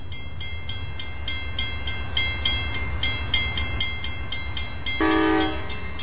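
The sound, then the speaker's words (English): A huge Amtrak train engine rumbles steadily with a rhythmic clatter of wheels, then near the end a loud, blaring horn sounds briefly over the din. No one speaks. “These are the familiar sights and sounds of train travel. The power and energy of the huge engines”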